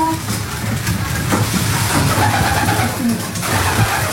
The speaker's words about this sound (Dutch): En de duiven die nu stug blijven zitten, zijn die echt aan het broeden, denk je? Die wel zo te zien, hè?